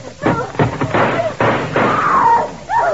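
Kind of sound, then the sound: impact, gunshots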